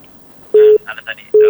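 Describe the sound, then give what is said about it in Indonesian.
Steady electronic telephone line tones sound in short bursts, with a brief crackly burble between them, clear like an incoming call coming through on an ordinary telephone. “Dan ada tadi saya dengar ini dari telepon biasa, kita angkat dulu.”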